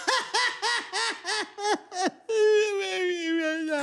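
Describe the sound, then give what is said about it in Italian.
Loud sobbing from the character Crude: a quick series of about six hiccuping cries that break into one long, drawn-out wail, with no speech around it. “Crude piange.”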